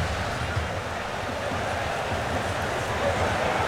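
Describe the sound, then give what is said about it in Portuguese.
Heavy rain pounds steadily on microphones at a football match, a dense, loud, unbroken hiss and patter with a low, murmuring roar of shouting fans beneath it throughout. “a chuva é intensa, chove muito, você consegue perceber com o som da torcida gritando, a água intermitente batendo nos microfones.”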